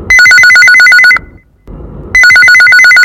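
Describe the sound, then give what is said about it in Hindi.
A loud electronic phone ringtone trills in rapid, evenly pulsed bursts, pauses for about a second, then starts ringing again. It is the first incoming call to the phone-in request programme Johar Bahani. No one speaks. “औ अब आवाज देखथन कौन बहनी के पहली फोन कॉल आ है तेन।”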